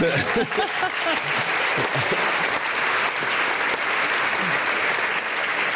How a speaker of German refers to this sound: Und mit einem großen Applaus erwarte ich jetzt